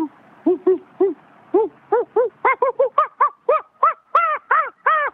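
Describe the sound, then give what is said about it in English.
A series of monkey calls repeats in quick succession, starting as low hoots and climbing into higher, shriller screeches as the excited chorus builds in intensity. “Because when you hear the monkeys start to freak out and they get louder and louder, that's when it gets...”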